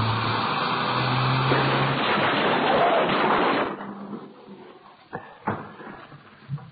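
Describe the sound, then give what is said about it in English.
A car crash: a revving engine gives way to a long, loud grinding roar of impact, then quieter rattling with a few sharp clunks and thuds as debris settles. “We're going to hit.”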